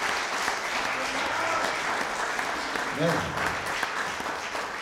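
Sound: audience applause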